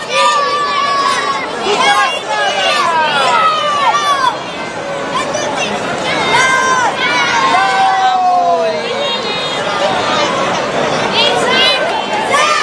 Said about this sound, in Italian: Facciamo ascoltare intanto la voce dei bambini.